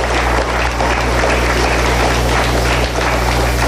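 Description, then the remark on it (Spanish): Steady, dense applause from the audience of the Rovirosa community, sent in tribute to President Claudia Sheinbaum, a loud wash of clapping that holds evenly for a few seconds with no voices over it, plus a low constant hum underneath. “Vamos a enviarle un fuerte aplauso, compañeras.”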